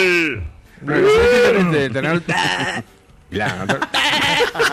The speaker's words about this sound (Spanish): Sí, la granja entera. Sí, señor. El burro y el ternero.